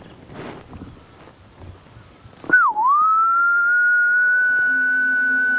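A gibbon call in Yunnan, China: a single loud, clear whistling tone that dips briefly in pitch, then rises and holds steady for about three seconds. Before it there are only quiet rustling sounds.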